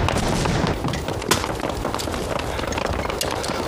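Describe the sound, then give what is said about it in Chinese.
Scattered gunshots crack over a dense, rumbling battlefield din as the gunfire grows sparse, with one sharper report standing out amid the steady noisy background. “老爷，嗯，你听，这枪声稀了不少。”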